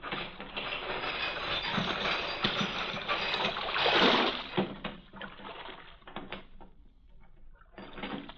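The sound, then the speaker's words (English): A heavy harbor chain that closes the mouth of the port at night rattles and grinds steadily as it is lowered over water, with a dense run of metallic clatter swelling midway, thinning out, then clanking briefly again at the end. “Chain that closes the mouth of the port at night is lowered.”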